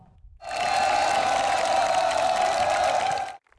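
A large group of soldiers of the Marine Corps Yeonpyeong unit cheers loudly and enthusiastically as President Lee Jae-myung, in military uniform, enters the parade ground; a sustained roar of voices with clapping holds steady for about three seconds before cutting off abruptly.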